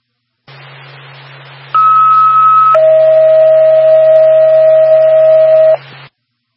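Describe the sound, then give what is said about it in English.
A two-tone dispatch pager alert for North Park and the Whitefield Ambulance plays over a steady radio hiss and low hum: a short, higher steady tone about a second long, then a longer, lower tone holding for three seconds, both loud. “North Park, the Whitefield Ambulance, stand by for tone.”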